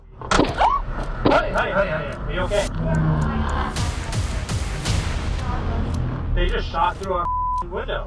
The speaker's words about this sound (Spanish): Y vámonos hasta Oakland, California. Una pareja que iba en su auto, de pronto, acabó atrapada en medio de un tiroteo. Chequemos.